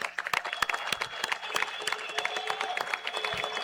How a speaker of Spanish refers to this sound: para el que pido un aplauso de todos los presentes.